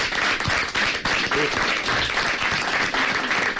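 Steady applause from a crowd fills the scene, dense overlapping claps sustained at an even level throughout, with faint voices mixed underneath.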